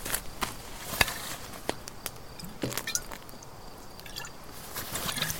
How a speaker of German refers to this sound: Die Flasche ist bereits halb leer. Boah, der Alte kann schlucken, sag ich euch. Hier, Kleine, nimm einen kräftigen Schluck.